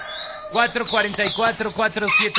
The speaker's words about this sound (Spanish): Bueno, ya, el gallo ya empezó. Ya empezó el gallo.